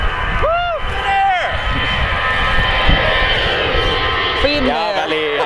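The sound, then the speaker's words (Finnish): A Finnair passenger airliner takes off with a loud, steady jet roar of just over 90 decibels that fills the whole stretch, while brief voices rise over the noise near the start and end. “Kyllä siinä vähän yli 90 meni Finnairin matkustajakonekin.”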